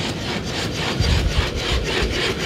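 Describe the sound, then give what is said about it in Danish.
A four-legged robot dog named Spot running, heard as a steady, rapid rhythm of harsh, scraping mechanical strokes, each pulse rasping like a saw through wood, with no voices. “Og så er det bare det mest creepy robotdyr, kom, der kommer løbende.”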